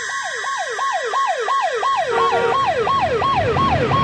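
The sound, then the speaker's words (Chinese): A police car siren yelps in fast, repeating rising-and-falling sweeps, loud, as a second siren tone joins in and road noise from the moving police car, driving to the public security bureau, grows underneath. “警车行驶在去往公安局的路上，车里面谁都没有说话，只有车在电台里偶尔传出警方内部的对话。”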